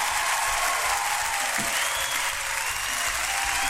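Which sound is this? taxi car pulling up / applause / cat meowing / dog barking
applause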